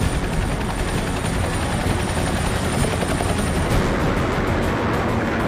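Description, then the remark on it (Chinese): Military aircraft of a parade's air echelons roar steadily overhead in a flyover, a dense, loud engine rumble with a fast, choppy rotor-like thudding and a thin high whine running through most of it. No one speaks. “新一代预警机、轰炸机、歼击机、舰载机、直升机等多型飞机均为列装后首次参阅。”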